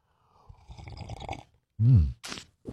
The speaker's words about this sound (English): All right, let's kick off the morning with a little coffee, a little juice, a little OJ, whatever you need to get your day off to a good start. We call it the morning slurp. You ready? All right, here we go.